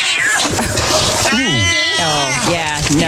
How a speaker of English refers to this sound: Uh-oh. Pinky got upset. She's scratching. Pinky. Whoa. Pinky, whoa. Uh-oh. Whoa. Getting pretty aggressive. We got a wild cat on our hands.